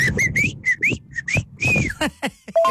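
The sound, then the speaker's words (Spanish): A person whistles a calling signal used to locate someone who got separated: a quick series of short, rising whistled notes in a patterned rhythm, a little breathy and uneven, followed by a few brief vocal sounds. “y así como que llegaba un momento en que te perdías, y él te aventaba su chiflido, y yo, ya sé dónde está.”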